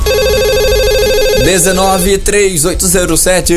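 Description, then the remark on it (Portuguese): An old landline telephone rings loudly with a rapid, warbling electronic trill for about a second and a half. Then a person starts talking, and the ringing stops. “E o telefone fixo?”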